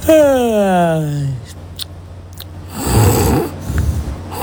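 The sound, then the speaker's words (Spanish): Snoring: a drawn-out, falling nasal tone followed after a pause by a rough, rattling inhale and a shorter raspy snort, fairly loud with no talking. “Evento, roncar.”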